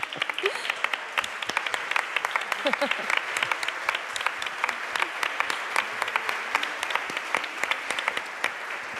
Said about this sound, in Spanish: Sí, claro que sí. Véngase, un aplauso.